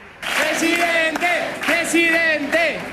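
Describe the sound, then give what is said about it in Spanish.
A large crowd in a completely full hall at a Partido Popular rally in Spain, receiving party leader Alberto Núñez Feijóo, chants in unison, repeating the same short rhythmic phrase about every two-thirds of a second, loud and steady, with many voices blending together and no single speaker above them. “Y en un salón completamente lleno y al grito de...”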